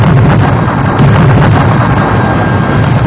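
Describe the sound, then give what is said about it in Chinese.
A loud blasting explosion from mountain-clearing work at the Shekou Industrial Zone in 1979 rumbles with a heavy, sustained low roar, with a sharper burst about a third of the way through and debris-like noise continuing throughout. No voices. “1979年，蛇口工业区的开山炮声为经济特区建设拉开序幕”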